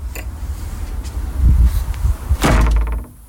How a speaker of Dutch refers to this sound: Ja, ik moest het eventjes 2 keer luisteren wat er nou gebeurde. Maar er gaat een deur dicht. Ja, dat is toch heel saai.